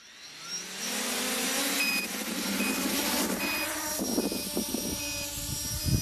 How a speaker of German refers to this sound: Lass es uns einfach probieren. Starte die Rotoren.